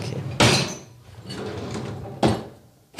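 Drawers are yanked open and shut with loud wooden thuds, about three sharp bursts spaced apart, with quieter rummaging and shuffling between them, and no talking.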